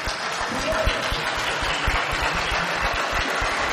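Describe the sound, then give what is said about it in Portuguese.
A large crowd standing in a church sanctuary applauds the newly ordained priests, a dense, steady roar of many hands clapping together that stays loud and unbroken from start to finish. “E o povo aqui de pé no santuário aplaudem os novos sacerdotes da igreja.”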